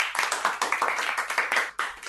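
A group of children clapping together for a child who has just told a story, in a quick, uneven patter of bright hand claps that stays fairly loud and steady for about two seconds, with no talking.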